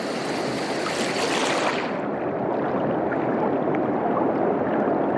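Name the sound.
river water flowing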